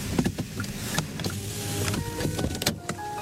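A vehicle interior with a steady low engine rumble, punctuated by clicks, rattles and a whirring power-window motor, as the truck moves slowly with no one speaking.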